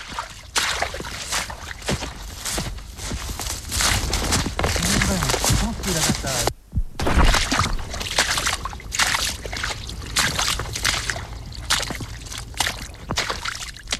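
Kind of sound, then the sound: nature, babbling brook water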